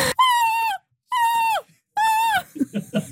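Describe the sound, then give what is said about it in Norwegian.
Program host the host mimics a gull's cry in the studio of NRK's Nyhetsmorgen: three loud, drawn-out, nasal screeches, each sliding downward at the end, followed by a few short murmured voice sounds. “Hun kan også emulere måke.”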